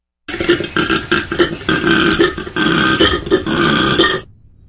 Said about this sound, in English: No. That was a koala.